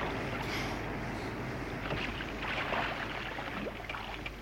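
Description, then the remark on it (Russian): A motor boat moves off at slow ahead, churning steadily across water, a continuous low engine rumble mixed with splashing and wash, constant throughout with no voices. “На весла к берегу идите. Машина, малый вперед.”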